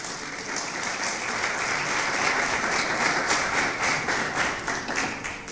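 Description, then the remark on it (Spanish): A crowd applauds the Lord steadily, a dense, even wash of many hands clapping at once with scattered sharper claps, holding at a fairly loud, constant level throughout with no voices heard. “Denle un aplauso, por favor, al Señor.”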